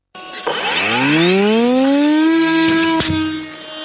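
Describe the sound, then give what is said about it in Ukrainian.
An interceptor drone launches: a loud electric motor whine sweeps upward in pitch for about two seconds, then holds a steady buzzing drone, with a sharp click near the end. “А зараз буде пуск.”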